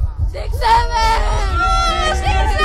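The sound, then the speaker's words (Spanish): Schoolchildren at Colegio La Salle de Seglares shout together on cue in a loud, sustained burst of overlapping high-pitched voices, cheering and whooping over a low rumbling hubbub for a few seconds. “Chicos, vamos a echar un grito, adelante.”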